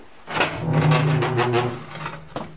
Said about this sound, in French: Mais on ferme la porte. Et à la radio, on aime bien les bruits de porte. Voilà, on va se gâter.